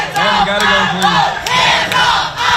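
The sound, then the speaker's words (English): A crowd of protesters shouts loudly and continuously inside the Tennessee House chamber as the House passes a congressional map, many overlapping voices rising and falling in rough, chant-like bursts with occasional sharp peaks. “Protests or shouted inside the chamber.”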